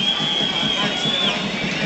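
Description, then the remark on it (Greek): A football stadium crowd applauds an Argentine player for his effort, in a steady, loud wash of clapping and cheering, with a thin high whistle running through it for about a second. Nobody speaks clearly. “κερδίζει το χειροκρότημα όμως ο Αργεντινός για την προσπάθειά του.”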